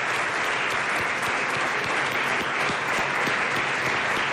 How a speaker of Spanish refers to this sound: Estamos aquí en el Casino de Huesca, en su salón principal, donde se celebran bodas y tantos actos sociales de los que ahora recordaremos. ¿Y cómo sabemos que estamos con gente? Pues porque se nota, ¿no? Venga, claro. Un aplauso.